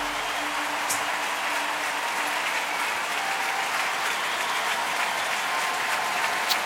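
A large arena audience applauds steadily throughout, a dense, continuous wash of clapping with some cheering mixed in, at a consistent loudness, in the sold-out Wiener Stadthalle Arena in the evening.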